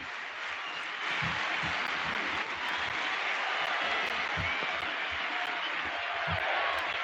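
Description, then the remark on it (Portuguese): A large crowd of fans applauds steadily in a stadium at Calhambé, dense clapping forming a continuous roar that holds at a consistent level for several seconds with no voices on top. “No momento em que os adeptos batem palmas, ambiente extraordinário aqui no Calhambé.”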